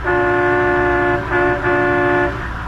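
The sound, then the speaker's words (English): Loud traffic and bus horns blare in long, sustained blasts, broken by two brief gaps, over a low rumble of street and engine noise, heard from a sightseeing bus in Washington, D.C. Nobody speaks. “As we pick him up now, he's on a sightseeing bus, accompanied by his secretary”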